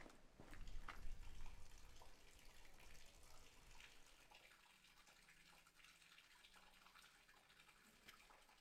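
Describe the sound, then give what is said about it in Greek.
Water running steadily from the spout of an old village fountain called Palia Vrysi, about 300 years old, a continuous splashing stream that is loudest at first and then settles into a softer, even flow, with no talking. “Εδώ είμαστε σε ένα σημείο στο χωριό που λέγεται Παλιά Βρύση.”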